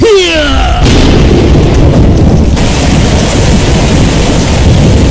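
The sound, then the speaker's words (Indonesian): A loud thunderclap booms after a brief descending whoosh as the sky suddenly turns dark, then very heavy rain roars steadily for several seconds, with a deep rumble underneath. “Langit tiba-tiba gelap. Hujan turun sangat deras, disertai petir yang gagal.”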